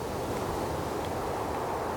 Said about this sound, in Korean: 휘 쓸쓸한 바람이 불었다.